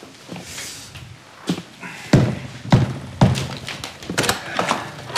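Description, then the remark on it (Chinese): A door is unlatched and pulled open, with a series of close, heavy clunks and thuds from the lock and handle, plus some lighter mechanical rattling in between. “你怎么才开门啊？”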